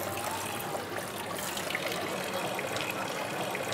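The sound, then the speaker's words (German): Water runs steadily from a 15th-century fountain decorated with dolphins in the old town of Rethymno, a continuous splashing gush of clean, drinkable water with a bright, hissy texture that holds an even level throughout, with no voices. “Der traumhafte Brunnen.”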